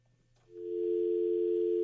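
telephone dial tone

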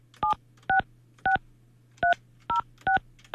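telephone keypad dialing tones

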